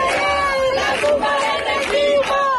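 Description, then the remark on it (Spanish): A large protest crowd in Seville, Spain, chants in unison against the central government at night, loud and steady, with many voices rising and falling together in a rhythmic, sustained call over dense background noise. “Pues sí, así sonaba, por ejemplo, anoche el hartazgo en Sevilla.”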